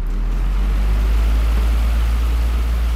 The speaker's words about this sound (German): Ja, das klingt ja so ein bisschen wie im Flugzeug mit dem Ventilator.